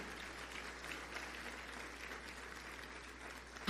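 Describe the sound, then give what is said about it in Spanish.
A church audience applauds for the Lord during a sermon, many hands clapping in a dense, even patter that stays moderately loud throughout, ending with a sudden louder burst at the very end. “¿Quiere aplaudir? Aplauda. Apláudale al Señor.”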